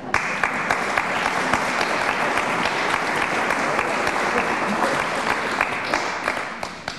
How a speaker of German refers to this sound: Bei Kirche in Not kriegen Sie natürlich Applaus für so eine Aussage.